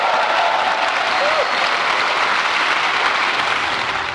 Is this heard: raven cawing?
no